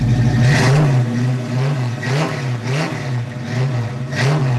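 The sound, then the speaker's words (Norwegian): A 1966 Ford Mustang engine roars in Grenland, its pitch rising and falling through four or five throaty revs in a steady rhythm, loud throughout with no voices. “Ja, det et voldsomt brøl I Ford Mustangen fra 1966 som formann I Grenland Veteranvognklubb”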